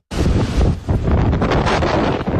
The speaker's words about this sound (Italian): Il rumore del vento impetuoso che soffia incessantemente sulla nota isola turistica di Creta.